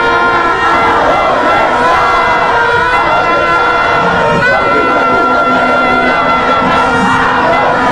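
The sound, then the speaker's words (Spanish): A large crowd of Herediano football fans shouts and cheers in Parque Heredia after their team's win, a loud, steady roar of overlapping voices that keeps up without a break for the whole stretch. “Muy bien, se encendió otra vez el parque, se evitan, pongámosle volumen, así gritan los heredianos, atención Parque Heredia.”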